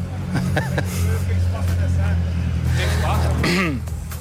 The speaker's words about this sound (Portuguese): os carros agora vão todos para a frente